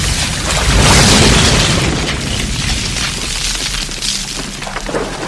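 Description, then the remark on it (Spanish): A loud, deep explosion as a grenade falls into water and goes off, then rolls into a long, churning rumble and rush that slowly fades, with no voices. “La granada cae al agua y explota mientras el detective se lanza a las aguas.”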